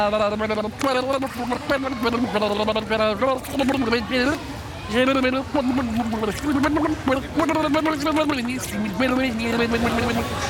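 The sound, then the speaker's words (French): A voice hums a simple melody through a wet, burbling gargle as a person empties their breath by blowing bubbles through the mouth into water while singing. The bubbling tune continues steadily for about ten seconds. “Et pour commencer, on va commencer à le vider en faisant des bulles par la bouche et en chantant.”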